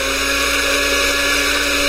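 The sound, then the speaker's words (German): A blender motor whirs steadily and loudly with nothing inside, a constant high-pitched mechanical drone that neither rises nor falls, with no voices over it. “Warum läuft denn jetzt der Mixer? Da ist nicht mal was drin.”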